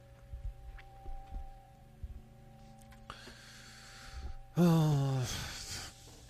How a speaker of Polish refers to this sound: Kurde, czkam, sapie, co się dzieje w ogóle?